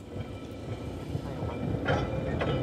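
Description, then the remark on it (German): An electric tram of the Manx Electric Railway, its cars dating from the 19th century, rumbles steadily along its rails across the island from its terminus at the eastern end of the seafront promenade. A low continuous roar with faint rhythmic clacking and brief higher squeals of wheels near the end. No one speaks. “Seit 133 Jahren fährt von hier aus die elektrische Straßenbahn über die Insel.”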